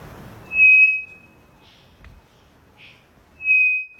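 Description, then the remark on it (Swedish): A three-wattled bellbird gives two loud, pure straight whistles at a steady, unchanging pitch, each lasting about half a second and spaced a few seconds apart, with faint softer notes in between. “Det vi hör här, det är en treflikig klockfågel som jag tror sitter i Amazonas.”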